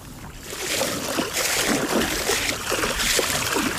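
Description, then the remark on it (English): Kayak paddle strokes on the left side, turning the boat, dip and splash in the water at a steady rhythm, with a continuous wash of water and light wind behind them. “So you're going to take a couple paddles on the left, and your boat will gradually start turning this way.”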